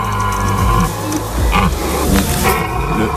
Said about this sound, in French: Ouais, le cerf. Ah, le cerf qui brame.